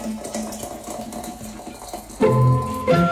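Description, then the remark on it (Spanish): A kettle of water boiling, a steady bubbling hiss for about two seconds before louder, humming tones abruptly join in and continue to the end. No one speaks. “que hierva la pavita, ahí está, hirviendo”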